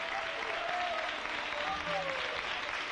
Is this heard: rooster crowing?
no